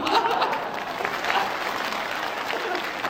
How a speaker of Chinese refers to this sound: 那为什么呀？ 因为女同胞的掌声比较持久。